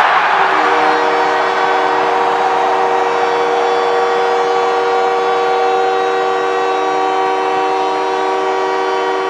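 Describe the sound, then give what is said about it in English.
A hockey crowd roars and cheers after Canadiens captain Nick Suzuki scores his 22nd goal of the season to bring the Canadiens within one, a loud, steady blare of a low, droning horn sounding over the wall of noise for the whole nine seconds. “Now the captain of the Canadians, Nick Suzuki, gets the crowd into hysterics as he gets the Canadians to within one with his 22nd goal of the season.”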